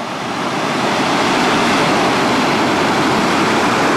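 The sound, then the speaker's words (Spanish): Boats out on the water near a harbor, where rescue boats are picking up migrants swimming in the sea, heard as a steady, loud rush of water and surf that swells in at the start and then holds evenly throughout, with no voices. “Son las embarcaciones, es el sonido recogido por Faro TV.”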